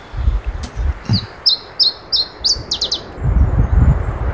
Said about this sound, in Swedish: Det är inte vilken som helst fågel, utan en ovanlig fågel som nu har kommit till Finland. Det är en iberisk gransångare som vanligtvis finns i södra Europa.